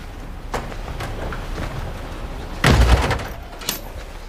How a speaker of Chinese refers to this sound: 关门，换鞋。